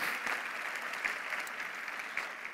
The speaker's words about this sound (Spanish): Dale un aplauso al Señor, ponte de pie.